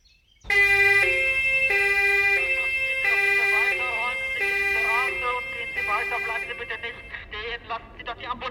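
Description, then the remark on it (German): An ambulance siren blares in a steady alternating two-tone pattern, high and low notes swapping about once per second, as the ambulance tries to get through a street at an accident scene, with voices rising underneath toward the end. “Bleiben Sie nicht stehen und machen Sie die Straße frei, damit der Krankenwagen durchkommt.”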